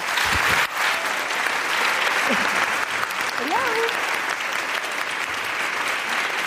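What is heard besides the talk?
audience applause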